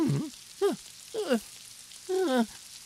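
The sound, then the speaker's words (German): A steady, soft hiss of falling rain runs throughout, with four short, harmonic, downward-sliding calls rising above it at irregular intervals. “Und ich glaube, ich brauche jetzt wohl dringend einen Regenschirm.”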